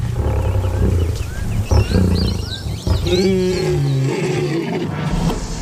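A lion roars and growls in deep, rumbling bursts, loud and continuous for several seconds, with faint higher chirping calls above the low snarls.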